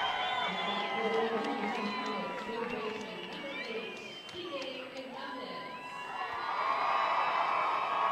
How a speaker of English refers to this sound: And listen to the crowd for Kike Hernandez.